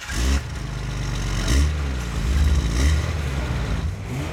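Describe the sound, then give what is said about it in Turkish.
A car engine revs several times in quick succession, its low rumble swelling and easing between throttle blips, loud with no talking over it. “Motoru dinle.”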